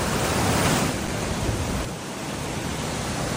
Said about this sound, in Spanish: Me gusta escuchar el río cuando lleva agua, porque hay veces que está bastante seco, ¿no?